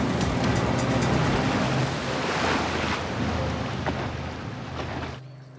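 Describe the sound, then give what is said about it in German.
A boat engine drones steadily under loud, rushing sea waves and wind buffeting the microphone, all continuous, before the sound cuts off abruptly near the end. “Schalten Sie sofort den Motor aus!”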